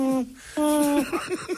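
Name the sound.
little owl calling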